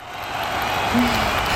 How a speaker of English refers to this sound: And the crowd goes wild.